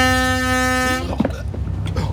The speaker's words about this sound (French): Nous allons droit sur ces pêcheurs. Un simple coup de sirène et la barre à tribord.